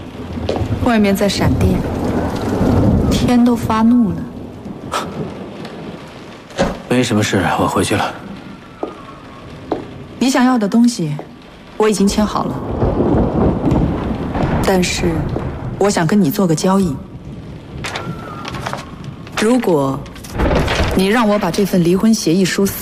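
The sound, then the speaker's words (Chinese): Steady rain hisses with deep rolls of thunder through a storm with lightning outside, the rumbling swelling and fading while people talk over it in the foreground. “外面在闪电，天都发怒了”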